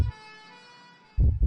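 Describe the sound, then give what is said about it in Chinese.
A steady, bright ambulance siren tone holds for about a second, then gives way to two deep, heavy thumps like a heartbeat. No one speaks. “河南郑州十辆汽车因不给救护车让行受到处罚。”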